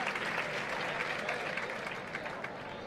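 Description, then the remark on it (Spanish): A large crowd in a bullring gives an ovation to Manuel Cid, a dense continuous roar of clapping at fairly even loudness throughout, with a faint murmur of voices beneath. “Gran ovación.”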